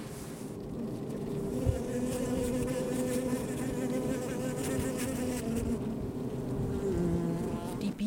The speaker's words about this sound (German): Keine toten Bienen vor dem Eingang, ein reges Ein- und Ausfliegen.